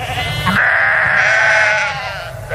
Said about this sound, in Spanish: Estamos junto a un rebaño de ovejas en los alrededores de Casar de Cáceres, en Extremadura. Hoy se celebra la ruta trashumante de la Semana de la Torta del Casar